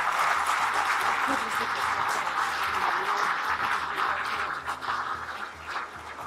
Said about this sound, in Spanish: Un aplauso, por favor.